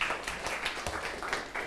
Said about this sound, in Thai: ถูกต้อง นะครับปรบมือให้เพื่อนหน่อยครับ